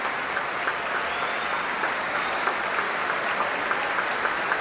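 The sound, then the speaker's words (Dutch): A concert audience applauds all the musicians of the orchestra as the whole orchestra stands to receive it, a steady, dense wash of clapping that holds an even level throughout, with no voices rising above it. “Ja, groot applaus ook voor alle muzici nu van het orkest.”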